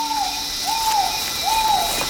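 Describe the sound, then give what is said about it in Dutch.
A trogon, a colourful bird, gives three evenly spaced, soft hooting notes, each rising and falling slightly, fairly near but unseen, over a steady high buzz of insects filling the background. “We horen hem nog steeds, maar ja, hij laat zich niet heel makkelijk zien.”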